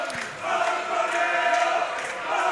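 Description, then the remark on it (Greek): A dense, sustained roar of PAOK football fans in the stadium during a match, with many overlapping voices shouting and chanting in a steady wash that swells and dips slightly throughout. “Οι φωνές του που ακούτε από τους αφιλάθους του ΠΑΟΚ εδώ.”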